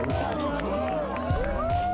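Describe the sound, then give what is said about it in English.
A large crowd at a surf contest men's final between Iago Dora and Italo Ferreira cheers and shouts in a steady, loud roar of overlapping voices, with individual cries rising above the din throughout. “Listen to this crowd.”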